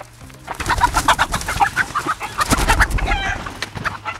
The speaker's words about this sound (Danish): Kan I høre, hvor jeg er henne? Du er i en hønsegård. Skal du være sød ved de der høns? Ja, nu skal jeg ikke skræmme dem alt for meget.